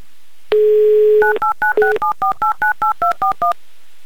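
A telephone number in Tolyatti, Russia, is dialed on a touch-tone phone: a steady dial tone, then about a dozen short, evenly spaced two-tone beeps in quick succession, fairly loud and with no voices.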